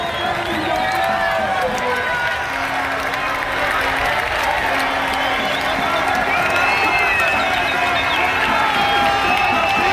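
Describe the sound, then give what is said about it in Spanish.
A crowd in Don Benito, footballer Pedro Porro's hometown, erupts celebrating his goal for the Spanish national team, a dense, loud roar of shouting and cheering voices with some clapping that stays at full intensity throughout. “Así ha sonado en la SER el gol de Pedro Porro Eterno en su casa en Don Benito.”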